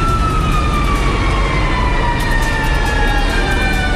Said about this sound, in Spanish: Ahí vienen los bomberos. Fue recién, hace 5 minutos. Gran Avenida, altura de Metro Ciudad del Niño.